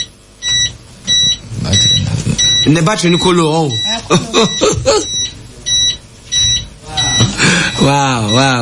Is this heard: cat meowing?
no